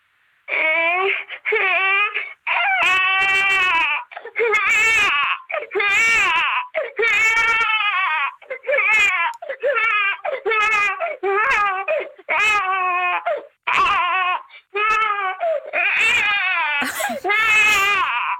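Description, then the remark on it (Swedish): A person imitates a crying baby with loud, wailing sobs that come in rapid repeated bursts, barely pausing for breath across the whole stretch, with no ordinary talking. “Man vill ju bara gå och lyfta upp den där bebisen.”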